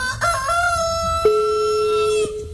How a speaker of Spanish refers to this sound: Vamos a ver que le cante el gallo